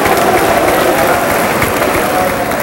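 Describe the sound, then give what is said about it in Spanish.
An audience at a church service claps their hands together in praise to God, a steady, dense patter of applause with a murmur of voices mixed underneath. “Si quieren dar palmas, den palmas, yo no se lo prohíbo.”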